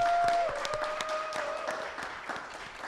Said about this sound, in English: We just heard from perhaps the greatest living poet that I know, Mama Angela Jackson. Can we please give her a nice round of applause?